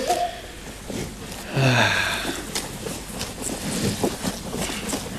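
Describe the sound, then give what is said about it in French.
Faint wind rushes steadily in the background, a soft breathy hiss with no one speaking, briefly joined by a short wheezy, whistling tone partway through. “Enfin, j'entends un petit truc, mais... C'est peut-être le vent.”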